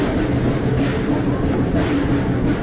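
The engine of a train, engine number 4, rumbles steadily and loudly as it begins a trip, a dense low mechanical roar with a hissing wash over it, holding even throughout with no voices.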